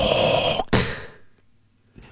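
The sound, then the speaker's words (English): A voice imitates Darth Vader's heavy mechanical respirator breathing: a long, raspy, hissing breath, then a shorter one that fades into near silence. “He had that breathing thing, you know, that sound that Darth makes.”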